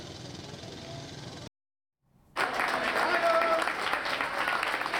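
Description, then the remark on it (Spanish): Sustained applause from family and friends welcoming the 40 members of the Community of Madrid emergency team back to Spain from an earthquake in La Guaira, Venezuela: a dense crackle of clapping cuts out briefly into silence, then resumes louder and fuller with cheering voices. “Entre aplausos han recibido familiares y amigos a los 40 miembros del equipo de emergencia y respuesta inmediata de la Comunidad de Madrid que han regresado a España.”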